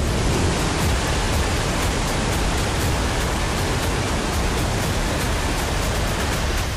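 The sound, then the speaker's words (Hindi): A dense, unbroken roar of torrential monsoon rain pouring down heavily in Arunachal Pradesh, India, a steady wash of hiss with no voices and no letup. “अरुणाचल प्रदेश में लगातार हो रही मूसलाधार बारिश ने पहाड़ों को भी हिला दिया है।”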